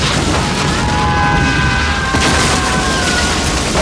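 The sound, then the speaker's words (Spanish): A shed explodes after steam pressure overflows its pipes, amid large flames, in a loud blast: a dense roaring rumble that fills the whole moment, with a sharper crack partway through and faint whistling tones running over the din. “La explosión derribó a varios mercenarios.”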